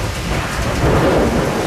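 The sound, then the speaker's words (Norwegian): A low, rolling rumble of thunder from lightning a bit farther away swells steadily over a constant wash of rain, filling the short stretch with no voices present. “Litt lenger unna det lynet.”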